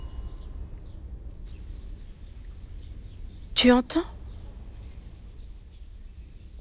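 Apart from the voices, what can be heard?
blue tit singing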